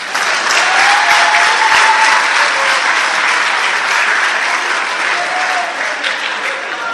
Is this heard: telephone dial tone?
no